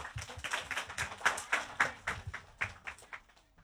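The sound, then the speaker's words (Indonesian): A group of children claps, a quick run of sharp, uneven hand claps that comes in bursts, lively and fairly loud, with no voices over it. “Itulah anak dengan tepuk tangan yang paling meriah.”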